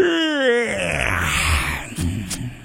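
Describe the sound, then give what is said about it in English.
A man lets out a long, exaggerated vocal yawn, rising then sliding down into a drawn-out groan before trailing off with a couple of soft breathy sounds. Fairly loud. “Where's my yawn sound effect? I got to find my... Oh, I guess I'll just do it.”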